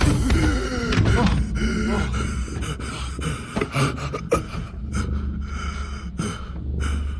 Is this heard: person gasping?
yes